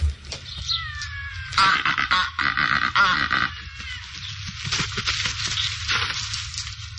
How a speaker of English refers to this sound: The Cape Barren Goose.